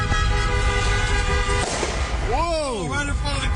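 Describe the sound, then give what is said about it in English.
Car horns blare as Spurs fans take to the streets to celebrate a playoff win, long steady tones overlapping, then a sharp loud burst followed by swooping, rising-and-falling cheers from a crowd over constant street noise. “And it got noisy after the win as Spurs fans continued the tradition of taking to the streets.”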